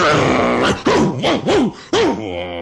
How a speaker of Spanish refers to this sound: Al rato, bajó el dueño de la casa con un perro que no paraba de ladrar.